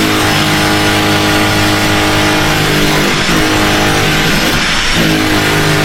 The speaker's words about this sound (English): That was happening in my home, but it was vibrating the frame of my house for probably 35 minutes. I lost my mind. What are you guys, like the sound family? You're probably down there on the blender. He's on the drill.